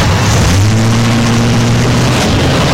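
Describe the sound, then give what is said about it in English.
A car engine hums low and steady over a broad rushing noise, holding for about two seconds before the tone drops away, with no one speaking. “Now then, if you don't mind, sir, please, get in the car. I'll drive.”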